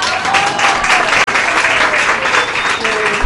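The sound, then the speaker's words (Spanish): A small audience claps steadily and loudly for a few seconds, a dense patter of hands with faint voices mixed in beneath. “Oiga, los que todavía tienen la mano desocupada, denle un aplauso”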